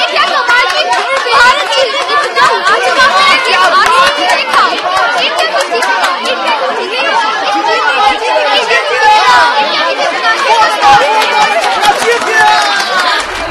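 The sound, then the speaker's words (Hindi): Dense crowd chatter fills the Ambedkar Stadium in Delhi at a cricket match between India and Bangladesh, many overlapping voices blending into a steady, lively murmur with no single voice standing out, loud and continuous throughout. “भीड़ की बातों को ध्यान से सुन रही थी।”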